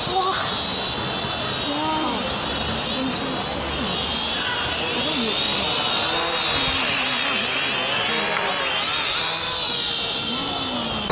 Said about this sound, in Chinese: 看，无人机来了。